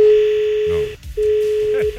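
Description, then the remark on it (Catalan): A steady, loud telephone line tone drones on with no line connecting on phone line 2, cuts out briefly, then returns for another long stretch, with faint voices murmuring in the background. “Ara directament no hi ha línia.”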